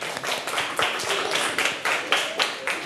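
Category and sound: crowd, children clapping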